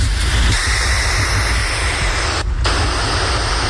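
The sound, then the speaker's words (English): A garden hose nozzle on its mist setting sprays a fine mist with a loud, steady hiss, broken once by a brief dip partway through. No one speaks. “What hose setting is that? Oh, that's a jet. Oh, wait, no, it's not powerful enough for a jet.”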